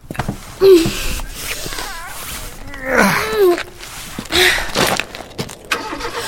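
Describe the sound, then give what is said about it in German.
A car engine starts up and revs in a few rising bursts, fairly loud, with whining pitch sweeps between the surges and no one talking. “Das ist der Wagen”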